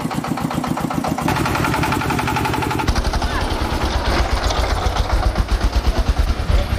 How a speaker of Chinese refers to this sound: 一个多小时以后，大家才把货车上的草料全部转运到拖拉机上。天彻底黑了下来，四台拖拉机开始上路。